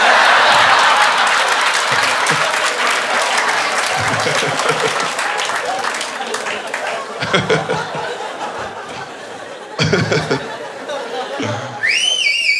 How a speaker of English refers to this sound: That's the kind of whistle where if you're next to that guy at the ballpark, you're like, this fucking asshole won't stop whistling